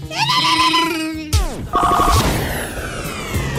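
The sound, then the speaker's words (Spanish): A short electronic telephone trill bursts out mid-clip, rapid and fairly loud, surrounded by a jumble of bleating, wavering tones and noisy crashing sounds. “No ha sonado el teléfono, güey. Carnal ñato. Deja que timbre”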